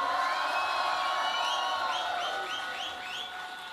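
A festival crowd at the FIMU festival cheers and whoops for the festival team in a steady roar, with many high rising shouts and whistles sweeping upward through the noise, easing off slightly toward the end.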